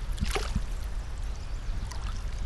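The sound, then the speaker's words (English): Steady rushing of the flowing Clearwater River in Kamyai, Idaho, on a sunny day. The water is fairly loud, with a few brief splashy bursts near the start and no voices. “Stella Samaripa, a Namipu language teacher, and Our Living Lands producer Daniel Spalding spent an afternoon next to the river talking about the connections among language, culture, and land.”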